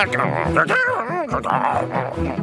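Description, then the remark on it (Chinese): A dog yips and whimpers in a quick, continuous run of high, whiny vocal sounds with rising and falling pitch, fairly loud, lasting a couple of seconds. “我也很开心了，狗狗。”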